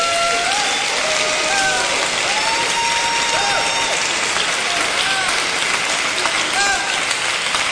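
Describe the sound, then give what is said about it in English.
An audience claps their hands to praise and bless God in a steady, dense wash of applause that continues throughout, with scattered voices calling out and singing over the clapping. “Come on and clap your hands and bless him.”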